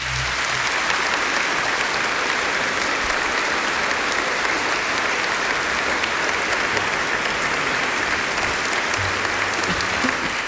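A large audience applauds the first of the evening's honoured musical greats, a dense, even wash of many hands clapping at a constant loud level for the whole stretch, with no talking over it.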